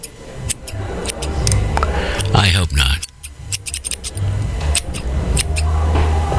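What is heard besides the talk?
scissors cutting paper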